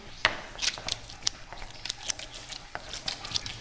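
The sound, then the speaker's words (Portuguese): Wet squelching and squishing as cheese curd is pressed by hand with the fingers to force out leftover water from the milk while making artisanal Cape Verdean cheese, with irregular soft bursts and faint patters of dripping liquid, no voices. “Este barulho que estamos a ouvir é, está a tentar a tirar o resto da água do leite.”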